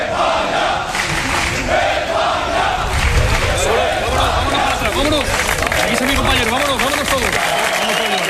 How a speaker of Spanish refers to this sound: Campionii au avut parte de o primire regală și la reședința premierului Pedro Sanchez. Sute de fani au aplaudat și au cerut să le facă poze celor care de duminică au devenit regii lumii fotbalului.